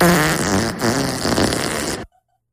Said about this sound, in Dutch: Hoe klinkt... klinkt de scheet? Nou, daar gaan we, hoor.